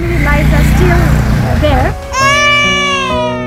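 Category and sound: human body sound, baby crying loudly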